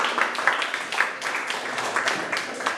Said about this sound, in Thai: ปรบมือให้ตนเองเก่งมากเลยครับ